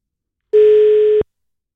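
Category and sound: signal or alarm, telephone dial tone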